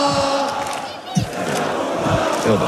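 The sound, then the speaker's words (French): Football supporters celebrating a European title roar and chant together as club president Nasser Al-Khelaïfi leads the crowd, a sustained wall of many voices with rising shouts and a few sharper yells breaking through, loud throughout. “Le président Nasser Al-Khelaïfi prend une première fois la parole, il appelle ses supporters à faire la fête dans le calme et il se transforme même en chauffeur de foule.”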